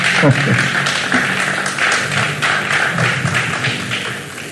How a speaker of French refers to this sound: Sous vos applaudissements, s'il vous plaît.